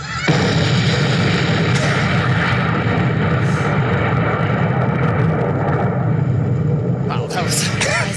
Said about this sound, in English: That's it. It's just a long, explosion that trails out over time.